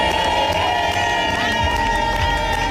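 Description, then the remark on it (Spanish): Young players join the team's long-standing war chant, taught by captain Alba Torrens, chanting loudly together in a locker room, a steady, sustained wall of shouted singing with no pauses for the whole stretch. “Lo han cantado todo y a las jóvenes les ha tocado aprenderse el cántico de guerra, el que les ha enseñado la capitana Alba Torrens y que lleva en ese vestuario muchos años.”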